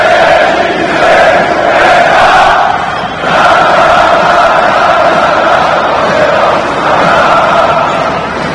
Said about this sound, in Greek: Επιθετικό φάουλ στη διεκδίκηση του rebound από τον Ντόντα Χολ, αλλά ο κόσμος αποθεώνει παρά το τελευταίο άστοχο σουτ τον Άλεκ Πίτερς. 42-27, Ολυμπιακός το συν 15 και ακούτε τι γίνεται στο στάδιο Ειρήνης και Φιλίας.